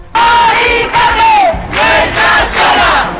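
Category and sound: crowd, protest crowd chanting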